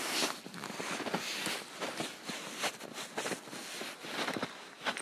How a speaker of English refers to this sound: I'm walking in the woods in the birch forest around the cabin here in Thunder Mountain. Lots of snow, and that's it.